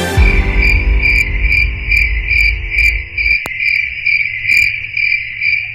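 A cricket chirps loudly and steadily in quick, rhythmic pulses throughout, with a low musical chord ringing underneath for the first few seconds before cutting off.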